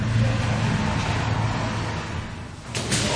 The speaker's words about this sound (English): Is that the drone or is that a Ukrainian Air Force? That's the drone.